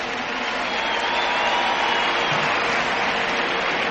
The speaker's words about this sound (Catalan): Volia demanar un aplaudiment també per tot l'equip tècnic que ha fet tot això possible.